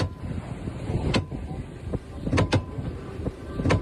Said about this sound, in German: So klingt das, wenn der Orca gegen die Steuersäule rammt.